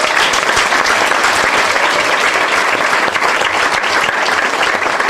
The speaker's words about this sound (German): Ich freue mich sehr drüber. Applaus für Christoph Teufel!